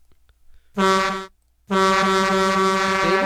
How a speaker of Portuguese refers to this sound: Tem buzina do caminhoneiro, é claro.